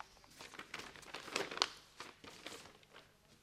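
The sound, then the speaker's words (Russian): Crisp crinkling and rustling of paper, with a few sharper tearing bursts in the middle, like an envelope being torn open and its contents unfolded: a top-secret packet from Prime Minister Funtikov. No voices. “Вам пакет от премьер-министра Фунтикова.”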